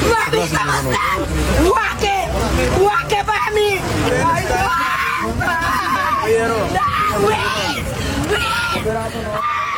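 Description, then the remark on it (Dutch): An archival recording of a loud, dense crowd of women yelling and screaming together on a beach, many overlapping high-pitched cries rising and falling continuously for the whole stretch, unbroken. “En hij had altijd een schare aan vrouwen om zich heen. En die waren aan het schreeuwen.”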